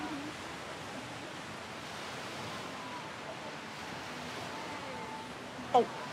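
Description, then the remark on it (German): A steady, even rush of sea waves washes through the whole clip at a constant level, with faint indistinct voices underneath and one brief sharp click just before the end, as a group lines up with the sea behind them for a photo. “Dann macht ihr die ganze jetzt mal bitte in diese Richtung, damit das Meer hinter euch ist und ich hier ein super Foto mache.”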